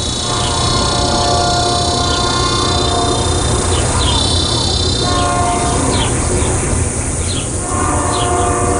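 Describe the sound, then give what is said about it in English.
A passing train rumbles loudly and steadily while its horn blares in long sustained blasts, heard from a house not far from the tracks, with a few faint bird chirps flickering over the constant roar. “I'm deafened by the train's timpani, searing through every crevice in this house.”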